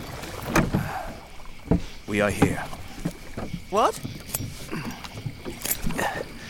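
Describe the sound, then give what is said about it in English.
Water sloshes and splashes around a small rowing boat moving away from a ship, with irregular oar-like strokes, while two people exchange a few brief words over it. “Step out of the boat.”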